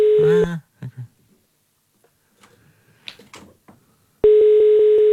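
A phone call to a mobile phone goes out: electronic dialing beeps at the start, then quiet with faint shuffling, and a loud steady ringback tone begins near the end, clear.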